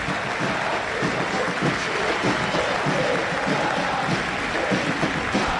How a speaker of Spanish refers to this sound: Y aplauden hasta los futbolistas. Ahora Arboleda empezó a aplaudir.